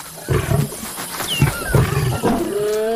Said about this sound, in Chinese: 安斯听到了宣战的狮吼声，他引发了一场冲突，这场冲突可能会给他原本的狮群带来严重的后果。